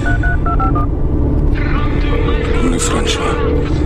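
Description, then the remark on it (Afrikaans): A quick run of about six phone keypad tones beeps in succession as a driver dials a phone call while driving, over a steady car-interior rumble, followed by a voice that comes in afterward. “Ek moet seker na vir François bel.”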